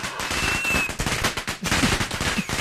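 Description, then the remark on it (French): A fireworks sound effect triggered by the fireworks button on a broadcast control desk: a dense, rapid crackle of sharp pops and bangs going off continuously, loud and chaotic, with faint whistling streaks rising through the barrage. “Alors non, là t'as appuyé sur le bouton feu d'artifice, t'en as un autre ?”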